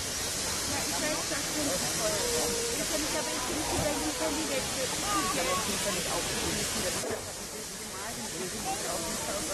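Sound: steam locomotive hissing steam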